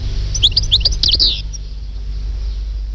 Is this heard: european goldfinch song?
yes